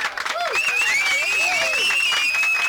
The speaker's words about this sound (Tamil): So எல்லாருக்குமே ஒரு மிகப்பெரிய கைத்தட்டலை நம்ம கொடுத்துடலாம்.